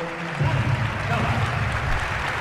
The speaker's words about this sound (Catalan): Ovació per a Pustovi.